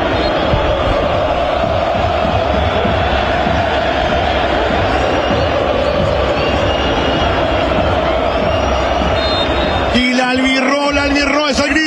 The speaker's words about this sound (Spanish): Y la gente, eso que escuchan de fondo, no es Asunción, es la Bahía de San Francisco, que grita por la Albirro.